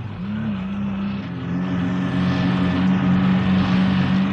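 A truck engine labors in a steady, low droning hum, barely crawling along a road buried in deep snow, growing slightly louder toward the end. No one speaks.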